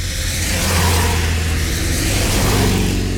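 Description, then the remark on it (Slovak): A car engine rumbles loudly for a few seconds as a car rushes along a road, a deep steady drone with a slight rise in revs toward the end. No voices are heard. “Veď tam, kde sú autá, tam budú aj ľudia.”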